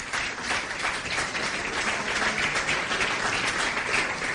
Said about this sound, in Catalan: per al qual demano un aplaudiment també, sisplau.